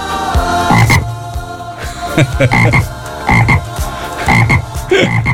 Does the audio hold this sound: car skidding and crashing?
no